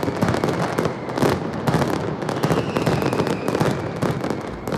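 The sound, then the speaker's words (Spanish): A dense, relentless barrage of firecracker explosions from a mascletà, the penultimate one of the traditional mascletà contest in Alicante, loud and continuous with rapid overlapping bangs and cracks forming a thunderous roar, no voices heard. “Bueno, pues hoy se ha disparado precisamente la penúltima mascleta del tradicional concurso de mascletas de Alicante.”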